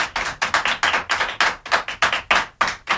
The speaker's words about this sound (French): Voilà, les enfants vous applaudissent, je ne sais pas si vous les entendez. Oui, je les entends, en effet.